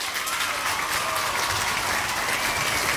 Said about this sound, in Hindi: तो ऑलमोस्ट सब ने सही जवाब भेजा, तो आपके लिए बजेंगी यहाँ पे बढ़िया वाली तालियां।